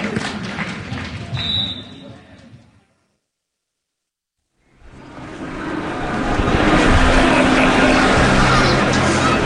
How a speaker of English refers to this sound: The Piazza Maggiore, Bologna, early on a Sunday afternoon. Listen carefully. Beyond the sound of the motorbikes, the boisterous conversation, the merry squeals of children chasing the pigeons. Listen, and you can hear the soundtrack to daily life.